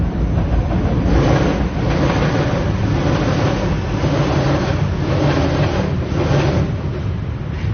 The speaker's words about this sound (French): Il y a cette scansion de la bête qui arrive, le métro qui part, repart